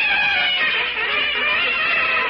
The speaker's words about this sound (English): Have you built up that new fanfare? Have I? I'm using two trumpets. Read off the newsreel open there. I'll show you how it sounds.